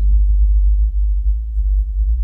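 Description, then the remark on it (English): A whale call at an unusual frequency, normally almost too low for human ears, pitched up an octave: a deep, steady tonal drone that hums continuously for a couple of seconds, loud and low with faint slight wavering and no voices. “This whale, calling out at the wrong frequency, That is a huge deal for a whale.”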